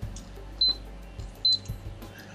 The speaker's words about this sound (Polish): Włączyłam na 9+, czyli na tak zwany buster, bo gotowanie wody... I tu się pojawia taki dźwięk, którego nie ma przy kuchni gazowej.